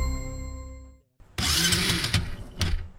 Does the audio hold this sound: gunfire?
no